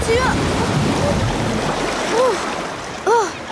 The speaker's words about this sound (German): Mann, das war aber eine große Welle. Und das Wasser habe ich auch geschluckt. Das ist ja ganz schön salzig.